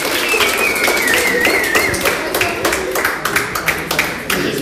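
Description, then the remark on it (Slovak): An audience applauds a first-place winner, a dense, steady patter of many hands clapping that stays loud for several seconds, with a thin wavering whistle-like tone sounding over it early on. “Takže ešte jeden potlesk, prvé miesto.”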